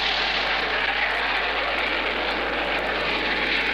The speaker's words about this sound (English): And did you hear the jets when they came over? If not, well, we heard them and got them on tape.